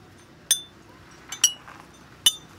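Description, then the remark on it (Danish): Tuned champagne bottles struck as an instrument: three bright, ringing glassy notes at different pitches, spaced unevenly, with a faint tap before the second, played alone without any talking. “Men den er jo altså fremført på de her champagneflasker.”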